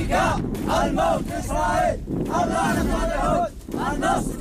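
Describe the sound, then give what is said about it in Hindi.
A crowd of armed Houthi rebel fighters cheers and shouts, celebrating victory around the wreckage of an F-15 fighter jet they shot down, loud overlapping voices rising and falling in rhythmic chanting bursts over a steady noisy background. “हथियारों से lace Houthi के विद्रोही F-15 के मार गिराने के बाद उसी के इर्द गिर्द जीत का जश्न मनाते दिख रहे हैं।”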